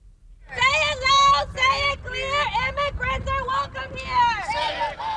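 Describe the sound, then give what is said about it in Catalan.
A crowd at an improvised protest in Houston, Texas, over the fatal shooting of a Mexican migrant by an ICE agent, shouting: many raised voices overlap in loud, sustained bursts after a brief silent start, with strained high-pitched cries rising and falling over a rumble of background noise. “Són els crits d'una protesta improvisada a Houston, Texas, on l'FBI investiga la mort a trets d'un migrant mexicà a mans d'un agent de l'ICE, el Servei d'Immigració i Control de Duanes.”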